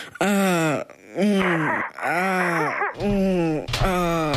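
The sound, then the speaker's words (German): A voice imitates sexual moaning: four loud, drawn-out moans in a row, each swooping up and down in pitch with brief breathy gaps between them. “Naja, wie soll sich das anhören?”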